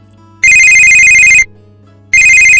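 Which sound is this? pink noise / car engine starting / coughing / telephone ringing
telephone ringing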